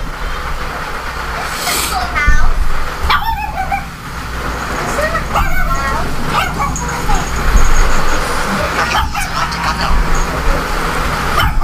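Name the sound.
dog barking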